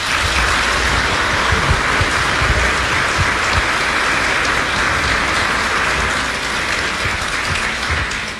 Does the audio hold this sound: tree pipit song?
no